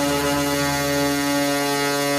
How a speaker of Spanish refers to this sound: Estos autobuses recibieron el nombre de Chivas porque a los antioqueños el sonido del claxon del bus les recordaba al balido de un chivo, de una cabra. Juzgadlo por vosotros mismos. Esta es la bocina de la Chiva.